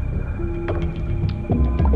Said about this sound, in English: You can hear the church clock chiming, can't you? Okay. It's sounding in stillness, isn't it? It's 1 o'clock.